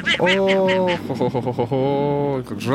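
A loud, nasal quacking sound effect: a run of raspy, buzzy duck quacks repeating in quick succession for a few seconds, prominent with no talking over it.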